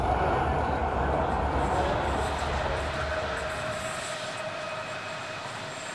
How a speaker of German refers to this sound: Nächster Halt, Kirschbaumvasen. Der Zug hält nur bei Bedarf.